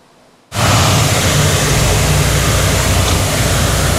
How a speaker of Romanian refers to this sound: Brașovul este de departe cel mai creativ. A amplasat un tun de zăpadă chiar în mijlocul orașului.